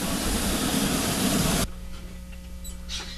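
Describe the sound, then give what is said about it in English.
A train sits in a station, letting off a loud, steady hiss of steam that cuts off abruptly, leaving a low idling hum and faint mechanical rumble. “Here, we're hopping onto a train. There it is. It's in the station.”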